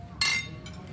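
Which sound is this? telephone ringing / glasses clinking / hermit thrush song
glasses clinking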